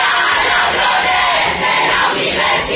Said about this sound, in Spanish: Son estudiantes de la Universidad Pablo de Olavide de Sevilla durante la intervención del consejero de universidades en la apertura del curso. Gritaban consignas en favor de la universidad pública y exigían una mayor financiación para el centro.